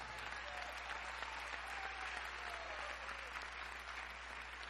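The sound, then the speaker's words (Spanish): An audience applauds in a steady, dense wash of many hands clapping, holding an even, fairly soft level throughout with no pauses and no voices standing out. “No, si usted no aplaude es que no entendió el mensaje.”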